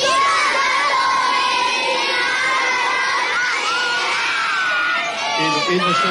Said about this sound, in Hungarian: Nagyon hangosan kiáltsátok, hogy igazgató néni, zárd le a tanévet, jó?